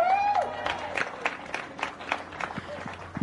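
A crowd applauds the podium winners of a motor race steadily, many hands clapping in a dense, continuous patter, with a short whistle rising and falling at the very start.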